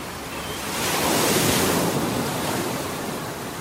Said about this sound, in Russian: Отец видел, как мальчик взывает о помощи, но криков его уже не было слышно. Их заглушали шум ревущей воды и порывы ветра.